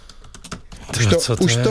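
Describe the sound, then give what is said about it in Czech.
Quick clicking of a computer keyboard as someone looks up when a record was released, about a dozen crisp keystrokes in a fast irregular patter, before a man's voice starts talking and the typing fades under it. “Už to tluču, zjistíme, kdy to vyšlo.”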